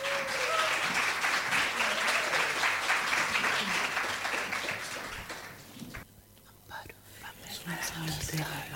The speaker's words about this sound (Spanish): Un gran aplauso, por favor, para recibirla.